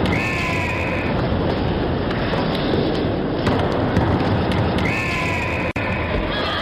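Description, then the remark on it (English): A Fox 40 referee whistle, made by Foxcroft International of Hamilton, Ontario, sounds twice, one blast at the start and another near the end, each short and shrill, over a constant loud roar of crowd noise. “The Fox 40 whistle.”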